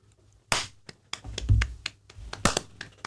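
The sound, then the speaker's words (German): A sharp, bright hand clap, made as a sync marker for a recording, rings out, followed by a scattering of softer taps and knocks with another crisp smack near the end. No one speaks. “Das war ein guter Klatscher.”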